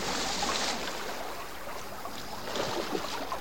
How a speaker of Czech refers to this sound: Skočil do vody. Rychle, skrčku, skoč za ním.